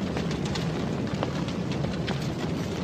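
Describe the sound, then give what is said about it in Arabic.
A big fire roars steadily with a deep, constant rumble, broken by occasional sharp crackles and pops. The loud blaze fills the whole stretch with no one speaking. “حسنا يا إبراهيم، أخبرني أين هو ربك الآن ليستنقذك من سعير هذه النار الحامية.”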